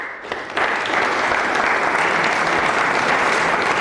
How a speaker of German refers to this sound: Nach über einer Stunde ist der Auftritt vorbei. Und dort zu Zofingen im Kulturhaus West gibt es Applaus.